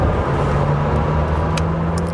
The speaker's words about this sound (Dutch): De Lamborghini Temerario. Ja, superlatieve schieten tekort, hoor ik al. Ja, dat is met dit soort auto's. Dat is echt bizar. Hoe snel het gaat en hoeveel toeren het draait.